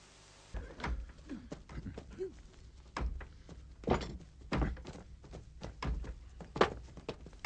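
A rapid, irregular series of heavy thuds pounds against a door as it is being battered and broken down, each blow loud with a dull, booming impact.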